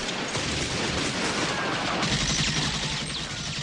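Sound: gunfire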